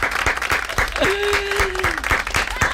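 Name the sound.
applause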